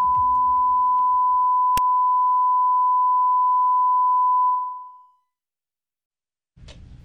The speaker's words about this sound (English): That was weird. Always sure love was. A good beep.